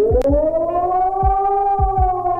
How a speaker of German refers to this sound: Je nach Sirene klingt das manchmal etwas unterschiedlich, aber das Signal ist ein auf- und abschwellender Heulton eine Minute lang. Das ist nämlich eine allgemeine Warnung an die Bevölkerung.